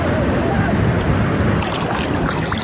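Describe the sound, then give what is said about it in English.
A smugglers' boat coming in for another round of pickups churns across open water, its engine a steady low rumble mixed with wind buffeting and splashing waves, continuous throughout. “So they're now coming in for another round of pickups. The boat is right there.”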